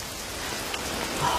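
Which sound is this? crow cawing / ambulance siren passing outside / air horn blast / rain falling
rain falling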